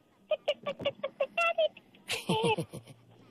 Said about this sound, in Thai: คืออะไรครับเสียงเนี้ย นาฬิกาปลุกค่ะ